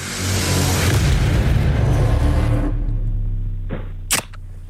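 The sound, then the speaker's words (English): A soft drink can, can number one in the Can You Hear It game, is cracked open, with a loud rushing, rumbling whoosh up front, then a short hiss and one sharp pop near the end. No one speaks. “Yeah, soft drink, mate. Lock it in.”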